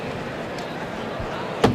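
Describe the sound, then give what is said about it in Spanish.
A heavy bullring bull-pen gate (puerta de toriles) swings open with a single sharp wooden bang near the end, letting the third bull of the afternoon into the ring at the Feria de Estepona. A steady wash of crowd murmur and open-air ambience runs throughout. “Abierta la puerta de toriles para que salga este al ruedo el tercero de la tarde.”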